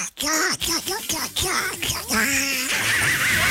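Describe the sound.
A person does a squawky cartoon duck voice, a run of buzzy, warbling quacking syllables delivered loud, ending in a shrill wavering squeal.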